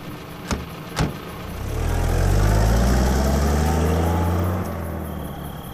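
Two sharp knocks, then a car engine rumbles up and settles into a steady, low idle for a few seconds before easing off slightly. No voices.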